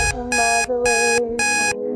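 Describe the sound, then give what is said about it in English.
Three loud, evenly spaced electronic alarm beeps from a smart speaker's morning alarm ring out over a song playing steadily underneath, the tune continuing between each bright, buzzy burst. “But while I get a chance to play the song that you can hear playing at the same time as my smart speaker to get me up in the morning, this is What's the Alarm.”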